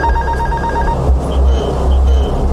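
An aircraft stall warning alarm, which sounded 74 times in under a minute as the plane began to fall, sounds as a rapid train of high electronic beeps over a heavy, steady engine rumble; the beeping stops after about a second while the loud drone continues.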